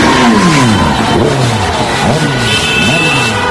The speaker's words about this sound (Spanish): Centenares de vecinos de distintos municipios de la provincia salieron a las calles, iniciaron marchas con sus coches para celebrar la victoria de España ante Francia.